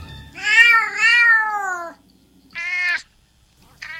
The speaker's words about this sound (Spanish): Bambino se puso un poco nervioso cuando oyó a unos gatos llamando desde la cerca trasera